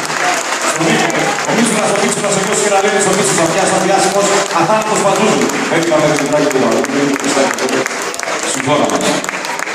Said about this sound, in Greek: Θα ήθελα μία τελευταία χάρη πριν την αποχώρησή σας. Να ενώσετε τα χέρια σας και να διοχετεύσετε την αγάπη σας μέσω του χειροκροτήματος σε όλα αυτά τα παλιόβερα τα οποία κοπίασαν και ώστε να βγει από την πλευρά.